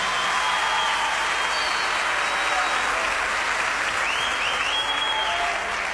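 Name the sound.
loud applause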